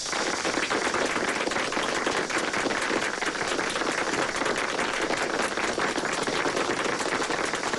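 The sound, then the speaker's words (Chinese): Sustained, enthusiastic applause from a crowd in a classroom at Kangda, welcoming the Second War Zone commander to address them; dense rapid clapping at a steady loud level throughout, with no voices heard. “下面呢，我们就以热烈的掌声欢迎二战区长官给大家训话。”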